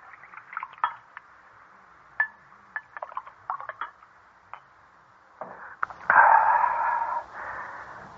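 Several light clinks and taps of glassware, then wine pours steadily into a glass for about two seconds, a close, gurgling, rising splash that tapers off.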